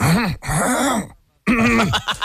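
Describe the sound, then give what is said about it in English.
A voice imitates repeated throat clearing: three loud, gravelly vocal bursts, the first two back to back, then a brief pause before the third. “for some reason, she claims it's allergies. But no matter what season, no matter what time, and a lot of her friends notice it too, goes...”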